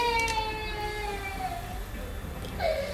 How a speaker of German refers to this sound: Hilde, dein Kind schreit.